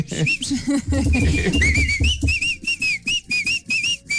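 Someone whistles a melody in a series of clear notes, with a brief low voice or background murmur at the start before the tune carries on alone in short rhythmic phrases.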